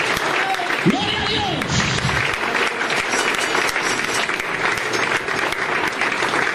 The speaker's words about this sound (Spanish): Gloria a Dios. Un aplauso fuerte para Dios, hermano.